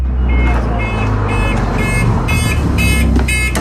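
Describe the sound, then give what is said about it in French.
Steady low engine rumble of a bus ride, overlaid with about six evenly spaced, loud electronic beeps, with faint indistinct voices in the background. “On va faire un petit tour de bus et je descends.”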